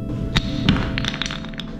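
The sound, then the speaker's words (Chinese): Wooden divination blocks (moon blocks) are thrown onto a hard floor to ask deceased parents' opinion, landing as holy-cup results three times in a row, a couple of solid thunks followed by several quick, lighter taps as they settle, over a low steady hum with no one talking. “用瓦杯的方式询问父母的意见，并且在众目睽睽之下连续指出了三个圣杯，看来搬家是势在必行了。”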